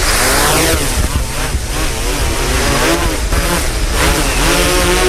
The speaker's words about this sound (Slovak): Dronik si zapneme, položíme si ho na vhodnú vzletovú plochu, pozrieme sa dookola, či okolo seba nemáme žiadne nezúčastnené osoby, zapneme si diaľkové ovládanie. Takže máme prepojenie s bezpilotným lietadlom, štartujeme vrtule.